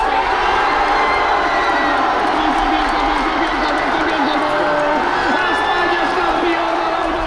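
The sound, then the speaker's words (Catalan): A large stadium crowd of football fans in Barcelona cheers and chants continuously for players including Lamine, Cubarsí, Ferran and Messi, a dense roar of many voices with rising shouts and sung chants, loud and sustained throughout. “Lamine, el seu germà petit, Cubarsí, Ferran o també Messi van ser els més aplaudits i corejats per una afició entregada”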